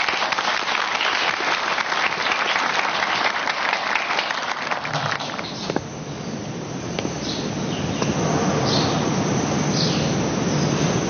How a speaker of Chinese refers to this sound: 特地请县教育局马股长到咱们高考重点班做考前动员， 大家鼓掌欢迎。